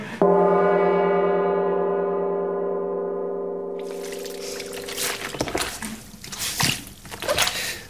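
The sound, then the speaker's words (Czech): A steady, droning low tone fades out as irregular wet squelching and sloshing sounds take over, repeated messy squishes of a small wet towel being pressed and wrung in a radio studio as a sound effect imitating mud, fairly loud. “Čvachtat tam nějakým ručničkem, nebo co to je, protože kněžna je v blátě, jo?”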